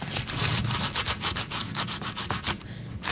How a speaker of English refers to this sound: You want to rub a big fat raw garlic clove over a big crusty piece of toast and then use a good amount of olive oil. The toast is toasted. Very crunchy.